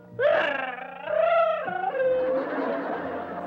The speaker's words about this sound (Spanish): Chavo, Chavo, ¿tú sabes por qué está llorando Kiko? Sí, por lo de Rondamón.